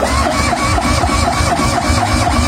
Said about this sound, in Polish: Na razie budujemy prototyp tego samochodu. Tak. No dobrze, no to zróbmy tak, że tylko u nas nagranie z odpalania prototypu przez polskich inżynierów.